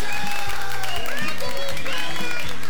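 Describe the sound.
An audience applauds loudly for a few seconds, with steady rhythmic low thumps running through the clapping and voices mixed into the din.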